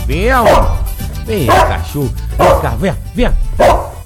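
A dog named Dorli barks repeatedly, five or six loud, sharp barks with whiny, yelping rises, coming in quick irregular bursts with short pauses between them, as it is called over to be given its water.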